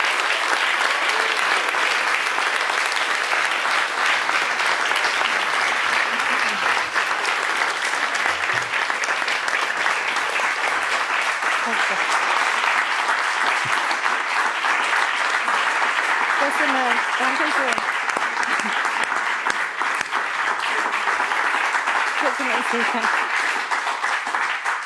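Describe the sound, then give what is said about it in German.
Sustained, loud applause for Kinga Tod from a large audience in a hall fills the whole stretch, a dense steady wash of clapping with faint scattered voices and cheers beneath it. “Viel Applaus für Kinga Tod und willkommen zurück hier im Saal, liebes Publikum.”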